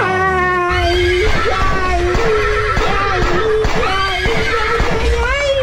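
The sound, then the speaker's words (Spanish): A horse whinnies loudly, its shrill, quavering cry rising and falling several times over steady thumping beats, with no speech. “Trépese al caballo y echando bala.”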